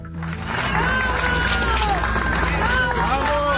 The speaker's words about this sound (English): People cheering as first responders in Venezuela carry an injured man out on a stretcher. Back-to-back earthquakes hit the country's capital, Caracas, last night.